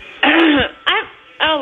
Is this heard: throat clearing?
yes